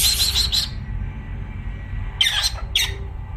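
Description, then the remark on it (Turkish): A talking bird mimics a cat-calling "psst psst" sound, giving short, sharp hissing bursts in two separated groups over a steady low background hum. “Bak el alemi kuşu kediyi çağırıyor bak.”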